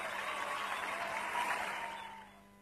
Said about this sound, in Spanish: Aplauso para Ariel, aplauso.